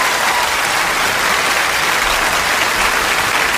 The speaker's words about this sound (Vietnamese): Dạ rồi, bây giờ một tràng pháo tay để ủng hộ tinh thần